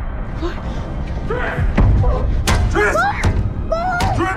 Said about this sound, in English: Four bangs against his cell door, and Triss struggles in the guard's hold.